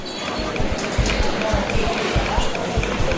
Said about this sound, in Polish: Słychać też nawet kroki. Tak, słychać kroki, które są dosyć ciche w porównaniu z dźwiękami stacji